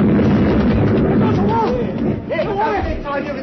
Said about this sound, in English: We ran, the three of us, and behind was the mad old man with his charge of dynamite. We reached the mermaid gallery when it went off.